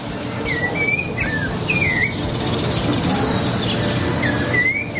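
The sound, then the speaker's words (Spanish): A small bird sings a few short, bright whistled phrases spaced across a few seconds, set against a steady outdoor background hiss and low rumble, with no one talking. “No, pero un pajarito. Un pajarito, dale. Es la naturaleza.”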